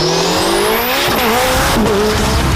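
A race car engine screams at high revs, its pitch climbing and shifting through gears, with tires squealing sharply along the way, loud with no talking; promoting an FIA European championship car race in Ilirska Bistrica, Slovenia.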